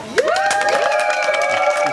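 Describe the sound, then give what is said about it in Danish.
A live Danish audience shouts and cheers loudly, many high voices rising together in a sustained roar with sharp bursts, filling the whole two seconds, as the crowd votes by shouting for what they want to hear. “Nu må vi se, hvor meget I er med til at råbe her.”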